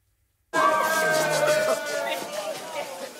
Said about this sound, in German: Sektdusche, Jubel, Umarmungen. Vor der Musterschule in Frankfurt knallen die Korken.